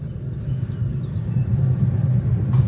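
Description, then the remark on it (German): Railbus preheater units run with a steady, low droning rumble that holds constant throughout, a faint higher whine sitting above it, and no voices. “So, wir hören immer noch die Vorwärmgeräte.”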